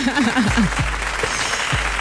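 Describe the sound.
Steady, dense clapping from a crowd fills the whole moment, loud and continuous, with a few voices calling out underneath it.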